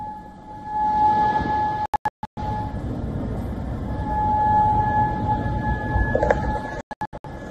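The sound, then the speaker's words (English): An air raid siren in Bahrain holds a long, steady wail over a low rumbling wash of background noise, echoing, with a few brief abrupt dropouts. “Air raid sirens echoed across Bahrain as Kuwait said its air defenses were intercepting incoming hostile drones.”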